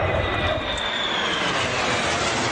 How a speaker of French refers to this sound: Au milieu de la foule réunie sur l'une des plages de Varsovie, Alina oscille entre peur et fascination en voyant passer les F-16 et F-35 au-dessus de sa tête et celle de ses enfants.